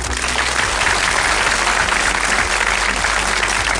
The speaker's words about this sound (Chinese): 哇，大家把掌声送给格乐医生。